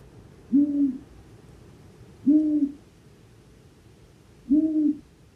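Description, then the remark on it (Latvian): Three low, soft long-eared owl hoots, evenly spaced about two seconds apart, each a short moaning note over a faint background hiss; the hooting is very quiet and cannot be heard more than a few hundred metres away. “Bet ausainās pūces ūjināšana ir ļoti klusa.”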